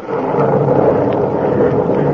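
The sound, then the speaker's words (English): A steady, heavy rumble of thunder rolls on without a break, loud, filling the whole moment with no voices. “And God of the storm has answered.”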